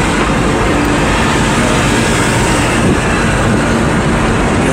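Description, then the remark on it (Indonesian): Steady, loud rumble and hiss of a car driving along the Pansela highway in Cilacap, Indonesia, at 9:36 am on 23 July in light drizzle under overcast skies, water on its windows; a continuous wash of road noise with no voices and no breaks. “Kaca mobil saya banyak air akibat krimis Cilacap.”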